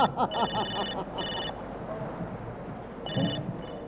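A telephone rings in repeated electronic bursts, bright and warbling, heard over a noisy background with faint voices and bustle, in the comedy sketch 《军官女儿兵爸爸》 (Officer Daughter, Soldier Father); the call is answered at an army repair depot.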